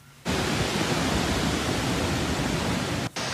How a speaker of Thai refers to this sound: ส่วนใครที่เป็นสายท่องเที่ยวเดินป่าหรือว่าเที่ยวน้ำตกกันตอนนี้จังหวัดตากนะครับเปิดกันแล้วกับน้ำตกทีลอซูรับสุดอลังการตอนนี้เสียงน้ำแรงสนั่นป่าเลยนะครับ